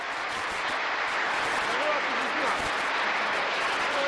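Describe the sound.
A crowd applauds steadily for about four seconds, a dense, even wash of clapping that holds at the same loudness throughout, with faint voices murmuring underneath.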